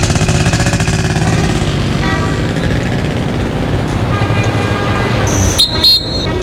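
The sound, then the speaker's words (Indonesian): A motorcycle engine rumbles steadily as a father rides his child to school, loud and continuous, with a brief horn toot sounding near the end. “Ayo, Nduk, Bapak antar sekolah. Pakai motor biar cepet.”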